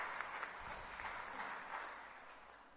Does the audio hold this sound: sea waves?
no